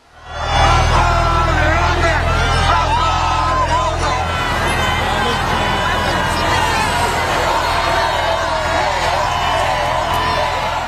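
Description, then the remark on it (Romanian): A large outdoor crowd of tens of thousands along the boulevards of Paris applauds, cheers and shouts to welcome Pope Leo, in a dense, continuous roar of many voices, with a low engine rumble underneath during the first few seconds. “Zeci de mii de oameni, unii cu bebeluși în brațe, l-au întâmpinat pe Papa Leon cu aplauze și urale de-a lungul bulevardelor din Paris.”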